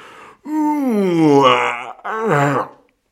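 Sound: yawn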